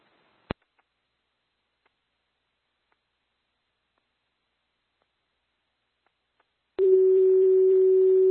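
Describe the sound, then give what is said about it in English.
After a single click and several seconds of silence, a loud, steady electronic fire dispatch paging tone switches on abruptly over a faint radio hiss and holds to the end, re-paging Eagle Lake Fires because their pagers did not go off. “Can you step on our page again? Our pagers didn't go off, so they've only been notified on phone.”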